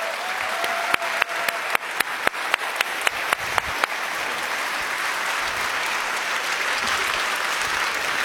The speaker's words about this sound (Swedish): Ge en stor och varm applåd